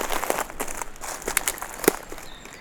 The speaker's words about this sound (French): Caressée par le dos, crépitement. Des feuilles mortes. Que vous effleurez.